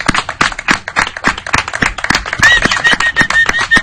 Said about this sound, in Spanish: Ahora te vendría bien un aplauso de todos, porque creo que quedaría bien aquí.